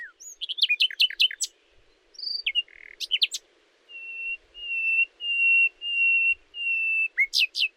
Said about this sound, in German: Hören könnt ihr sie nur im Frühling. Den Winter verbringt sie nämlich im warmen Afrika. Ein Nachtigallmann kann bis zu 200 verschiedene Melodien trällern. Aber warum singt er eigentlich mitten in der Nacht? Ganz einfach. Er sucht eine Freundin.